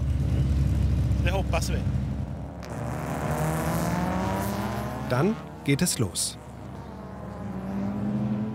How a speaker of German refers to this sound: Die erdige Rennstrecke ist so angelegt, dass die Wagen auf maximal 80 km die Stunde beschleunigen können.